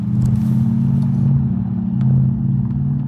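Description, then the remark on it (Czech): A plug-in hybrid car pulls up on Křižíkova Street in Prague's Karlín district, its engine a steady, loud low hum with a faint clatter, running throughout without any voices. “V Křižíkově ulici v pražském Karlíně právě zastavil s autem”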